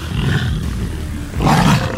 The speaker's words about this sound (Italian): Ma è una tigre! Scusate, ho sbagliato felino, lo riporto ad Avellino.